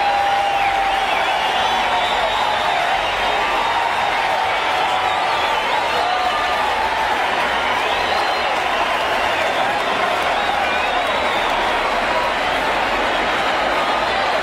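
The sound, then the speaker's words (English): A huge baseball crowd at Tiger Stadium roars and cheers continuously after a home run cleared the right-field roof, a dense, loud wall of sound sustained throughout with no pauses. “Let's listen to the crowd.”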